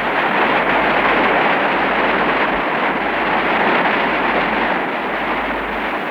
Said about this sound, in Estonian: Narva hüdroelektrijaama avamiseni oli tol päeval 1955. aastal jäänud vaid mõned tunnid. Viimaseid päevi kohiseb Narva kosk.